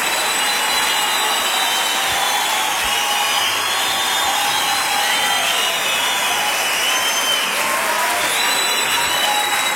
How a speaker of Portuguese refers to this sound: aplauda, Senhor. Mais forte.